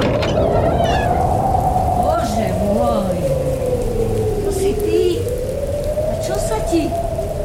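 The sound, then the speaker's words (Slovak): Steady, dense rainfall hisses without a break, loud, with a low wavering tone drifting underneath the whole time. “Prší, nevidíš? No áno, prší.”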